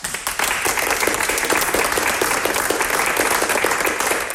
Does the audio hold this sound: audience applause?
yes